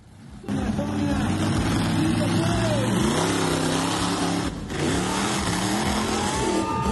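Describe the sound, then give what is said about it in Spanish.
A loud monster truck engine roars and revs steadily at a monster truck exhibition in Colombia, its pitch climbing and dropping several times across a continuous rumble, with voices faintly mixed underneath. “Y en Colombia, una exhibición de las llamadas Monster Truck terminó en una tragedia el domingo, cuando una camioneta perdió el control y atropelló a los asistentes.”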